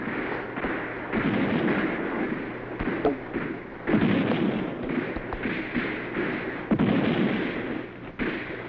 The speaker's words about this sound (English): We've got to silence that cannon on the hill. Knock it out at all costs.